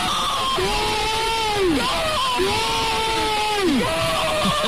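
Two long, drawn-out shouts of celebration for a football goal for Zaragoza, each held for over a second with pitch rising and then falling, ringing out over a constant roar of crowd noise.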